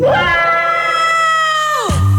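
One loud scream held at a steady high pitch for nearly two seconds, then sliding sharply downward as it cuts off, with no talking around it.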